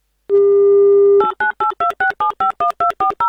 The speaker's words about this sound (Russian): Так, номер набран по правилам гимна авторадио вместо гудков. Посторонних мелодий не нужно, голосовых помощников тоже. И скучных гудков в том числе.